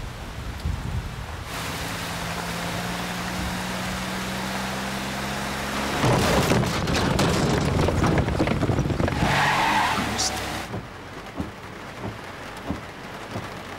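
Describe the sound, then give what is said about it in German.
A scooter idles with a low steady drone, then revs hard and roars off, tires squealing in a loud skid before the noise drops away. “Ich bin mit dem Roller da.”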